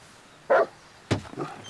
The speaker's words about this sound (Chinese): 哎呀，可不是嘛，这我平时都不敢来，就怕他院里那条大狼狗。 还有狗啊？ 是啊。